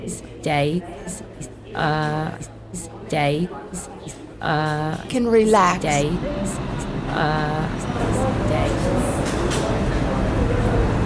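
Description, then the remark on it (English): A voice gives a station announcement in short phrases of an uptown local 1 subway train to Van Cortlandt Park, 242nd Street, asking riders to stand away from the platform edge, then a broad rumbling roar swells as the train draws into the station, growing louder and steady toward the end. “There is an uptown local 1 train to Van Cortlandt Park, 242nd Street. Approaching the station, please stand away from the platform edge.”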